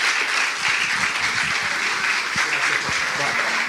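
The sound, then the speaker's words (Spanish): An audience at a church service claps steadily and continuously as praise to God, a dense, sustained wash of applause, with a few faint voices mixed in underneath. “Démosle un aplauso fuerte a nuestro Dios en esta tarde.”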